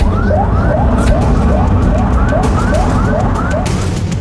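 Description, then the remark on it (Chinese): An ambulance siren yelps in quick, repeating rising sweeps, loud, over a heavy rumble of engine and road noise, with no one speaking, as the ambulance arrives at Fuwai Hospital of the Chinese Academy of Medical Sciences at 14:40 after a 1,200 km, 12-hour-40-minute drive. “终于，在众人的齐心协力下，救护车于14:40到达中国医学科学院阜外医院。”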